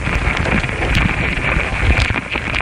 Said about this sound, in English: Sound engineer Stephen Frost laid the mics next to their nest. The ants are investigating these foreign objects. Some are even biting them. That's what these louder popping noises are. Ant mandibles chewing on a microphone.